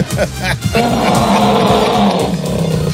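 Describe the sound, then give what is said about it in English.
A person imitates an elephant trumpeting with a loud, sustained roaring blast, lasting a couple of seconds after a brief gruff start. “It sounded more like an elephant.”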